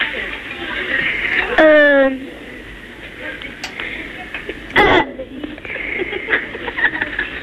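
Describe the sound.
A child burps once over a telephone line, a short, loud, voiced croak standing out against thin line hiss, followed a few seconds later by a brief rough burst.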